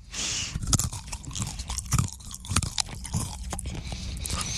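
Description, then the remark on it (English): Loud, crunchy chewing of a crisp flavoured snack, with repeated sharp crackling bites and munching in an uneven rhythm, no talking. “we have eaten this before on the show, so it should give you a...”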